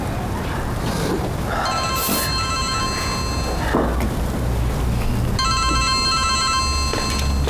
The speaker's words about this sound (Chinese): 接个妈电话。哎，妈。